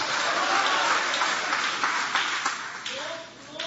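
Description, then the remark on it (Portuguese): An audience applauding in worship to glorify God, a steady wash of many hands clapping at once with voices calling out over it, the clapping thinning slightly toward the end. “Aplaude a Ele, pode adorar, pode glorificar o nome dEle com alegria.”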